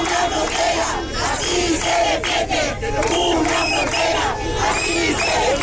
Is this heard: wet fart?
no